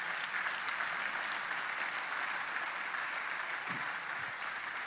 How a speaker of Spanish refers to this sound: Podemos darle un aplauso.